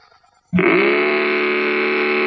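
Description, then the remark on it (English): A Mattel Baroom toy hot rod engine, made to fit on a child's tricycle and started with a key, bursts into a loud, sustained buzzing roar after a moment of near silence, holding a steady, raspy drone with strong harmonics. “Well, you can make it roar with Mattel's terrific new Baroom hot rudder engine.”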